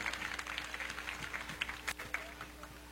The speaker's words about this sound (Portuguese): Uma salva de palmas para os agricultores e motoristas.